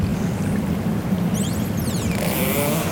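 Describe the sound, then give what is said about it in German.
Underwater pilot whale calls in the Westfjord: a few quick, high, sweeping whistles rising and falling near the end, heard over a steady, loud low rumble of airguns, with a sperm whale clicking in the background. “Nein, das war jetzt ein Grindwal.”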